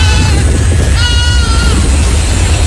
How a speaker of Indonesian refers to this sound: Petugas Suku Dinas Ketahanan Pangan Kelautan Pertanian KPKP menyoroti puluhan kambing yang berkeliaran dan mencari di tumpukan sampah di kawasan Kalibaru Cilincing, Jakarta Utara.